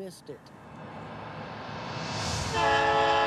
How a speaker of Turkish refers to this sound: Onlardan 12 kilometre uzakta olan tren, Bud ve Nate'in de içinde bulunduğu yolcuları alarak yaklaşıyor.